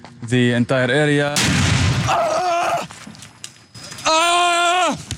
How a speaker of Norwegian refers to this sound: En bombe eller granat smeller rett ved journalisten.